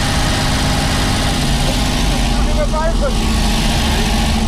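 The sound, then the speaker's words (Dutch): The engine of an old Domo car drones steadily while driving at about 40 miles per hour, a dense, loud low rumble with rattling vibration running the whole time and faint voices mixed in underneath. “Met de oude Domo-auto.”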